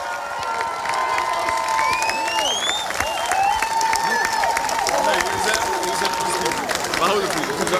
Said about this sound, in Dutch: Mag ik een oorverdovend applaus voor ons eigen team, CVV Zwervers, op de 12e plaats.